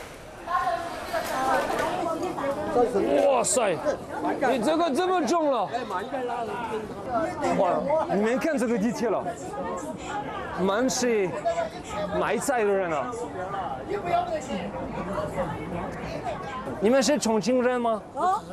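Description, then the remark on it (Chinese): Dense crowd chatter echoes through a busy subway station packed with people, many taking the subway to sell their vegetables and fruits, at around 6 in the morning; many overlapping voices talk at once at steady loudness. “All the subway station like is full of people who want to take the subway for sell their vegetables and their fruits.”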